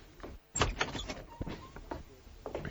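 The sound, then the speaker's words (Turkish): A door is opened and shut late at night to let a visitor in, with a sharp clack, a sliding scrape and several knocks and rattles from the latch and frame, spaced over a few seconds. “İçeri girebilir miyim? Kapı önünde konuşamayız.”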